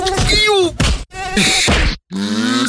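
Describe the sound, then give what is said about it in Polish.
A person who does not use Autan repellent groans and grunts in frustration while a thin, high mosquito whine hovers, broken by a couple of sharp slaps, all loud. “Ovako zvuči osoba koja ne koristi autan.”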